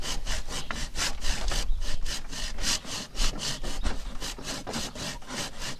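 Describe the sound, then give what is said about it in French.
A hand saw cuts steadily through wood in quick, even back-and-forth strokes, each a harsh rasping burst, fairly loud, with no voices over it. “Je te laisse scier.”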